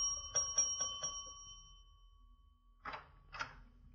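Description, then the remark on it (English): A bell is struck four times in quick succession, its bright metallic tone ringing on and slowly fading, followed by two muffled thumps after a short pause. “And try the bell.”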